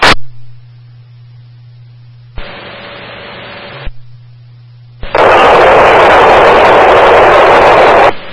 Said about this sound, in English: Last unit, you were unreadable, all road noise.